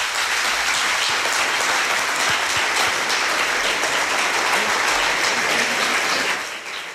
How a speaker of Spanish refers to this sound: Te mandamos un beso y un aplauso.